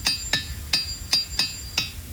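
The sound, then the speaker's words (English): Six sharp, hard clacks of rocks being knocked together to make sounds as an unconventional instrument, fairly loud, spaced unevenly with brief bright ringing after each strike and no voices. “So in this challenge, we're going to talk about sounds and how we can make sounds with unconventional items, like rocks.”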